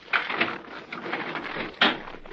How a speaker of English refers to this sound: All right, wait a minute. I gotta unlock the door.